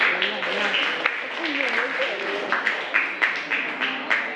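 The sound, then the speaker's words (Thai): A class claps for group 6 after their backstitch sewing work, in short, uneven bursts, with sharp hand claps rising over a steady murmur of voices and chatter throughout. “ต่อไปตะเข็บด้นถอยหลังกลุ่มที่6อยู่ไหนคะปรบมือกลุ่ม6หน่อย”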